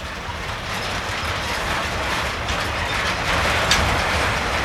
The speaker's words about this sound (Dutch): Ik denk dat dit inderdaad de achterkant van de trein is. Want meestal zit er één locomotief aan de achterkant. Ja, een duwer. Dit is een soort van rangeerlok.